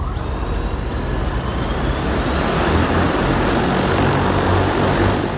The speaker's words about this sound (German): Es ist der ganze Stolz des chinesischen Unternehmens Ehang, das eigene Flugtaxi. Im kommenden Jahr will man die ersten testweise in China einsetzen. Wirtschaftsministerin Reiche und ihrer Delegation werden sie jetzt schon vorgeführt.